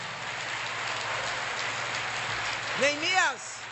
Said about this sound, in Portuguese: Aplauda Jesus essa noite.